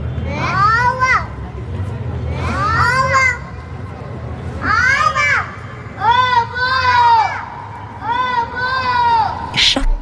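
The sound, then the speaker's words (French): An infant cries and babbles in a run of loud, rising-and-falling wails and coos, each lasting about a second with short breaths between, over a low background rumble. “Avant de parler et même avant de chanter, elle crie, elle pleure et elle babille.”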